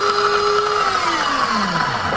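A super-modern coffee machine runs with a loud mechanical whir and hiss, its motor tone gliding steadily downward in pitch over a couple of seconds, with no voices.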